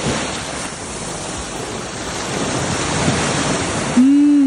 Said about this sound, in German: Live-Meeresrauschen. Und zwar direkt vom Estrenk.